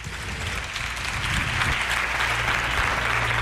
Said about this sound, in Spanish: Buenas noches, lo primero. Un aplauso para ellos.